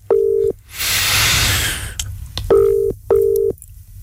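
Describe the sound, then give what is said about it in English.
The ringback tone of an outgoing telephone call purrs in short, steady bursts, one ring, then a rush of hissy static, then a quick double ring, clear with no one speaking. “Come on, please answer your phone.”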